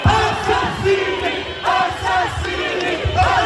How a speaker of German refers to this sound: Mörder, Mörder, schämt euch, rufen die Menschen.